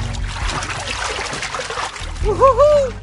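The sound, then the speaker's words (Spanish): An elephant slurps water into its trunk, filling it like a hose and then squirting the water into its mouth to drink, with a steady, splashy, trickling wash of sound, ending in a short burst of rising and falling tonal squeaks. “Llena de agua como manguera su nariz y luego la expulsa hacia adentro de su boca.”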